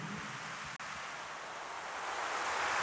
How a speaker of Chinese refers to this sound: 哇，海浪来了，海浪来了。